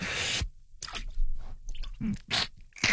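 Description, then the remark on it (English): Arms plunge into cold water: a broad splashing rush, then several wet sloshing and squishing bursts, with no voices. “Now it's time to dunk our arms in the cold water again.”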